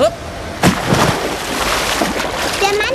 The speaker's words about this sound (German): Ist ins Wasser gesprungen.